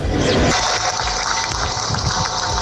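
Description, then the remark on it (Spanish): Steady, dense applause from a crowd in Dolores, Alicante, Spain, loud and unbroken throughout, with church bells ringing along with the clapping and no voices, ending a minute of silence. “Con este aplauso con las campanas se rompía ese minuto de silencio.”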